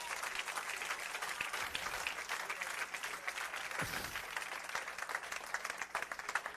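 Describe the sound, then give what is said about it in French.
A crowd applauds steadily, many hands clapping in a dense, continuous patter that holds at an even loudness for several seconds with no voices. “Pas bon Dieu, vous applaudissez pour moi.”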